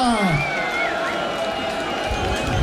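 A loud crowd applauds and cheers steadily for a few seconds, with a dense wash of clapping, shouts and high whistles, and no individual voice standing out.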